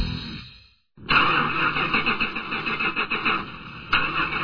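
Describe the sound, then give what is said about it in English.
A car engine cranks with a whining, squealing starter, cuts out briefly, then grinds on repeatedly without catching. It is the fifth time the car has refused to start. The sound is loud, with no voices. “That's the fifth time this car refused to start.”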